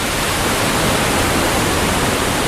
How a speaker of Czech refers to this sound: Potomek je velká, ale místy také velmi dravá řeka. Jsme přibližně 30 kilometrů od centra Washingtonu. Tady jsou velké vodopády Potomeku.